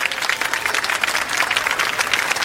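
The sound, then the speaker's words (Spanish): Steady applause from a crowd for the contestants of the 10th croquette-eating contest, many hands clapping in a dense, continuous patter that holds an even loudness throughout, with no voices standing out. “Un aplauso para nuestros concursantes.”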